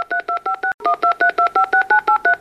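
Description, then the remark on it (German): A rapid string of telephone keypad dialing tones as someone dials to reach a band, about fourteen short two-pitch beeps in quick, even succession, loud with no talking. “Und jetzt möchte ich doch mal versuchen, ob ich die Band erreiche und nehme doch mal das Telefon zur Hand.”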